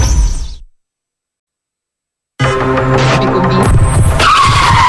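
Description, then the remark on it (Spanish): Car tires skid in a traffic accident with a loud, sustained screech that starts abruptly after a short burst of rumbling noise and a second of silence, squealing on harsh to the end. “Tuve un accidente de tránsito y se comunicaron directamente al EQ911.”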